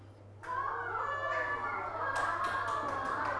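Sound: children clapping hands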